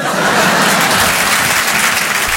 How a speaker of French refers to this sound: Oui, c'est rentré d'un seul coup, l'applaudit bien fort,